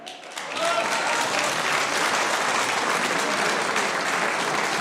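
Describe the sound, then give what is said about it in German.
An audience bursts into sustained applause for two candidates in the morning's election of the new Strawberry Queen (Erdbeerkönigin) of Wiesen, dense rapid clapping that swells within the first second and holds steady and loud to the end, with no voices heard over it. “Das ist euer Applaus.”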